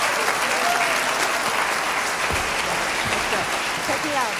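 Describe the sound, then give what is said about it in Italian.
Sustained, dense applause from a large audience at the Cinema Teatro of Chiasso on 18 April 2026, after a concert by a German jazz, musical and cabaret singer, steady and fairly loud throughout, with faint voices and occasional cheers mixed into the clapping. “Una serata di straordinario fascino che sfocia in questo emozionato applauso del pubblico del Cinema Teatro di Chiasso il 18 aprile 2026, che accoglieva una leggenda vivente della musica jazz, del musical, del cabaret e del cinema,”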